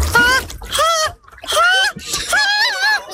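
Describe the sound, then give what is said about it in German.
A person squeals and yelps in short, rising bursts while easing into the water of an outdoor public pool, with breathy gasps and light splashing between the cries, fairly loud. “Wenn sie dann aber da sind, hört ihr sie umso mehr beim Versuch, ins Wasser zu gehen.”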